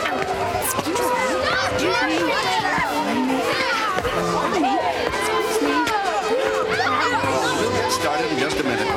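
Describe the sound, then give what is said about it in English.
A dense crowd of at least 100 people at a talent show, mostly children, chattering at once, with overlapping high-pitched calls and shouts forming a steady, loud babble throughout. “This is some crowd.”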